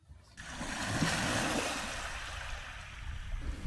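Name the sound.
ocean waves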